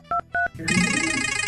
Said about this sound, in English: I need you to push DCS327 on your phone, please, to activate the wheel.